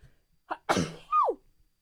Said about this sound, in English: I have to sneeze.